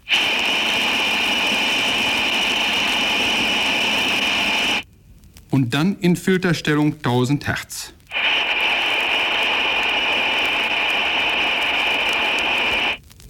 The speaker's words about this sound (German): Geräusch Nummer 4, Number 4, lässt das grelle Pfeifgeräusch der undichten Stopfbuchse einer Armatur hörbar werden. Zuerst in Stellung Breitband.